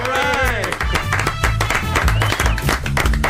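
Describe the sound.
Steady applause with dense rapid hand claps running throughout, mixed with voices speaking and cheering over them, on an Onda Cero radio programme as guest Alex O'Doherty is welcomed.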